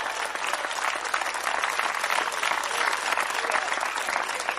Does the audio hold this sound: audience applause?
yes